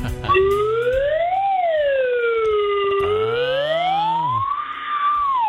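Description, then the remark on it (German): A loud red alert alarm siren wails continuously, its tone sliding slowly up, dipping back down, then climbing again in long sweeps, with no voices over it. “Alarmstufe Rot.”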